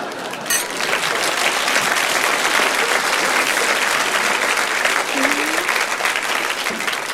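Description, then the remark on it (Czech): An audience applauds steadily during a toast with wine, a dense wash of many hands clapping that stays loud and even throughout with no pauses, and a faint voice briefly rises through the noise near the end. “To je poprvé, co piju a lidi tleskají.”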